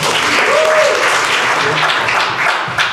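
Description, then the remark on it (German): A crowd claps loudly and steadily for Udo Tiffert, a dense, unbroken wash of many hands with no single claps standing out, and a faint voice or whistle briefly rising through it. “Und jetzt klatscht bitte direkt weiter, kräftiger und mit viel Werf für den wunderbaren Udo Tiffert.”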